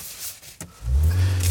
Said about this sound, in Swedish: Ska jag sätta bara igång bilen också? Den är automatväxtad i alla fall. Nej, men varför startar inte bilen nu då?